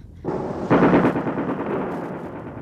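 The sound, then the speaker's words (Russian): A sustained stretch of heavy gunfire, rapid overlapping shots forming a dense rattling roar that swells sharply after a moment and then keeps going steadily, with no voices. “Ой, огонь-то никакой, ведут ужас.”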